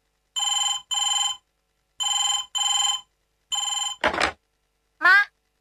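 A telephone rings in a steady double-ring pattern, repeating clear, then cuts off with a brief clatter like a handset being lifted, followed by a short voice.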